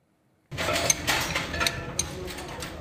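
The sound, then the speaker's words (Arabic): Wrenches and metal spare parts clink in a few sharp, ringing taps at irregular moments as a government car is repaired in Deir ez-Zor, Syria, heard over a steady low mechanical rumble that begins abruptly after a brief silence. “بين أصوات المفاتيح وقطع الغيار المنتشرة”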